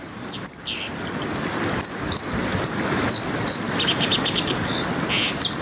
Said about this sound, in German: ich spiele Ihnen mal ein paar Stimmen vor, damit Sie wissen, um wen es geht. Es geht zum einen um diesen Vogel, die Wasseramsel.